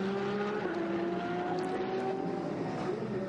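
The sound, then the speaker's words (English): Racing cars roar along the track, their engines a loud, steady, high-revving drone with layered whining tones that waver slightly as they pass, as the Krohn Racing 907 Porsche gets past the Ligier. No one speaks over the sound. “That's the Krohn Racing 907 Porsche just getting past the Ligier.”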